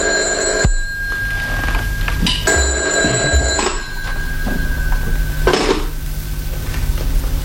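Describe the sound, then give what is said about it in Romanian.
A telephone rings steadily with an incoming call from a man, a sustained, bright electronic tone, punctuated by a few sharp clatters. No one speaks. “Poate că bărbatul care te cheamă la telefon l-a denunțat.”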